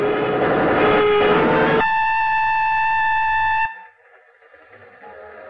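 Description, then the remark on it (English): A train horn blares in a long, steady chord after loud rumbling train noise, then cuts off, leaving only a faint rattle of the moving train. “Yes, you're on a train now.”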